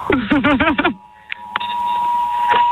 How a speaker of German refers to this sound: Ganz Gründau weiß jetzt, es ist Probealarm, dank euch im Mediamarkt. Die Kollegen rennen auch schon und schalten alles ab. Wie viele Handys ungefähr klingeln jetzt bei euch im Mediamarkt? 150.